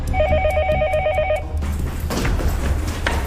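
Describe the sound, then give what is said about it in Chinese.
A telephone rings with a fast electronic trill, two bright tones warbling together for about a second and a half before cutting off into a steady rushing background noise: an emergency report call coming in to the Yusi police station of the Lu County Public Security Bureau, Sichuan Province, China. “2025年12月31日下午2点，四川省泸县公安局玉寺派出所接到一通报警电话。”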